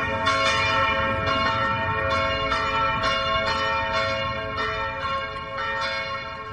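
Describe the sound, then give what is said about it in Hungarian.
A 10-second test church bell played from an app rings steadily, its strikes repeating roughly every second with a long, humming overtone-rich resonance that carries through. No voices; the bell is fairly loud throughout. “Hát a harang úgy szólal meg, hogy itt az applikáción van egy tesztharang, 10 másodperces tesztharang, és most meg is szólaltatjuk.”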